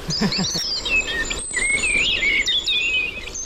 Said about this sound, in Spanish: Mirlo común.